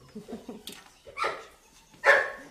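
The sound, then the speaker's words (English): A dog barks twice, loud, about a second apart, after a few softer, lower whimpering yips at the start, at the stables of Parcul Vacant Hermes, a hotel and ranch complex in Romania. “The stables are filled with ponies, a horse, and puppies.”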